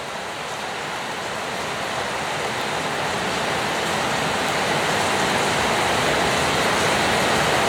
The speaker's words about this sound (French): Quand il pleut des trombes comme ça, ils se mettent tous les oiseaux dans le feuillage. Ils s'abritent, ouais. Ils attendent que ça passe.